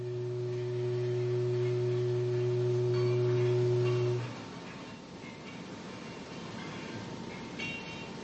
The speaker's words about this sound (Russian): Продолжительный заводской гудок возвестил о начале обеденного перерыва.